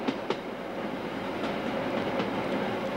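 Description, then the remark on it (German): An electric railcar train with two railcars of 2000 horsepower runs along the tracks by the Modaradsch Glacier in the Bernina group, with a steady, full rumble broken by a few sharp wheel clicks over rail joints. No one speaks. “Die zwei Triebwagen mit ihren 2000 PS haben den Zug jetzt schon”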